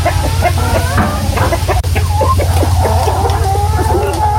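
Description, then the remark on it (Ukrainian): A crowd of chickens clucking and squawking nonstop, many overlapping calls over a steady low droning hum. “Але десь тепер кури, то не так.”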